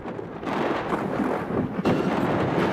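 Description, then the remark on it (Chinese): Thunder rumbles loudly over a dense roar of heavy pouring rain and hail during a night thunderstorm with frequent lightning in Daming County, China, the noise swelling in two heavy surges with no voices present. “顷刻间天空雷声大作，电光频闪，一阵强降雨夹杂着冰雹倾泻而下。”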